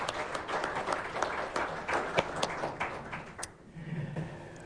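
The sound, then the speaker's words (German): Audience applause for Meta Schamal: dense, steady clapping for several seconds, then thinning out and fading near the end, leaving a few scattered claps. “Herzlichen Applaus für Meta Schamal.”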